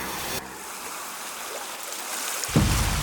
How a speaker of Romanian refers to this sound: Sound of a beach.